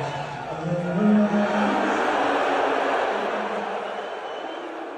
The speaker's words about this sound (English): And when Trump showed on the Jumbotron during the national anthem, they booed louder than they did when the Spurs came on the court.